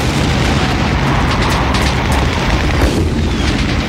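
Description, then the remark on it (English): Distant explosions and cannon fire rumble in a dense, continuous low roar, with a few sharper booms bursting through midway and near the end. No voices. “In the distance, explosions and cannon fire could be heard.”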